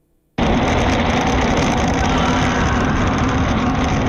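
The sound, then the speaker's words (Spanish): A motorcycle engine kicks in abruptly after a moment of quiet, then holds a loud, steady, rumbling drone with no voices, its level barely changing to the end, recorded on video as the motorcyclist rides past the site of an accident. “Vamos a escuchar el trayecto que hace este motociclista y a ver si pueden todos escuchar el lamento que fue capturado en este video.”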